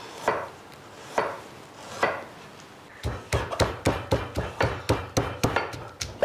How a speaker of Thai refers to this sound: ทีนี้พอเราละลายน้ำเกลือแล้วเนี่ยขาที่เราหั่นเนี่ยเราก็เอามาโขลก